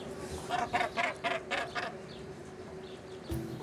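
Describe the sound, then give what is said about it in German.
Northern gannets call at a breeding colony: a rapid run of about five harsh, rasping cries, then a single louder squawk near the end, over a steady background din of the colony. “Basstölpel leben in riesigen Kolonien von bis zu 60.000 Vögeln.”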